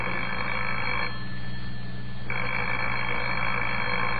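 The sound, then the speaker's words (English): An old-fashioned telephone bell rings loudly in two long bursts separated by a brief pause, with no voices over it. “Well, answer the phone, Lancelot.”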